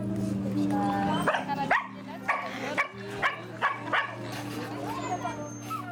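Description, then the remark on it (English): Dogs bark in a rapid, irregular series of sharp yaps, about seven in a few seconds, in a village in Madagascar where vets are vaccinating dogs and cats, over a steady low droning hum in the background. “The Mad Dog Initiative is a non-profit organisation that neuters domestic pets and stray animals near two national parks.”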